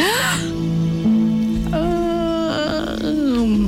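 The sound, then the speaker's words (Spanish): A single long, enormous, drawn-out yawn, opening with a breathy rush and stretching into a wavering, groaning tone that slides up and then sinks away near the end. “De pronto, alguien frente a ti abre la boca en un bostezo enorme, casi cinematográfico.”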